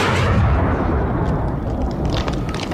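A dense, continuous barrage of gunfire with heavy booming rumble underneath, loud, with sharp shots crackling through the roar. No voices. The gunfire is from the Battle of Lazikou in 1935, during the Long March.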